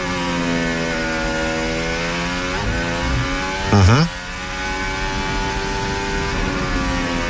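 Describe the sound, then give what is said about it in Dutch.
A high-pitched Formula 1 engine on Verstappen's car screams steadily as he goes flat out over a chicane, its revs dipping and climbing sharply through a quick series of gear changes and throttle shifts before holding at a loud, sustained whine. “Vol beuken over die chicane.”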